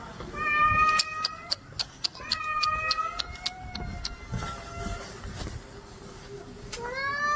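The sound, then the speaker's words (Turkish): A cat with its paw caught in an escalator at Başakşehir Olimpiyat metro station yowls in pain with long, drawn-out, rising and falling cries that repeat over and over, loud and strained, while sharp clicks and clatters break through a steady background rumble. “Yürüyen merdivenin patisini sıkıştıran kedi acı içerisinde yardım bekledi.”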